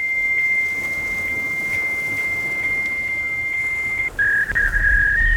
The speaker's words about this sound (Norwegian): lekkere smekker Emma faksmaskinen her. Hun vil gjerne synge bursdagssangen til deg.